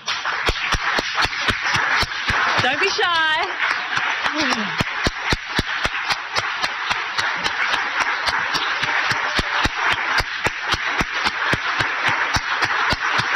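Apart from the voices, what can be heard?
audience applause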